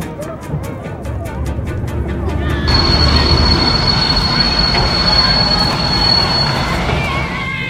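A train rumbles loudly and rhythmically clatters over the rails, then its wheels break into a sustained high-pitched squeal as it brakes to a stop, the screech holding steady over the heavy low roar.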